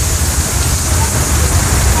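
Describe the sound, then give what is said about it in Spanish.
Heavy rain pours down in a steady, dense hiss with a low rumble underneath, continuous and loud from start to finish. “Oh, sí, está fuerte el agua.”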